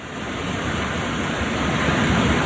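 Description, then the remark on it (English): A loud, steady roar of storm wind in Indiana blasts without pause, battering a tree, a dense rushing noise that swells slightly toward the end, with no voices heard. “This is nuts! It is howling! Oh, our poor tree up here is taking a beating.”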